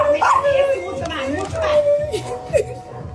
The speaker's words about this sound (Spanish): El perro celebra también, ¿no? Allá está también.